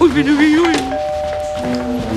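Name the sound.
doorbell ringing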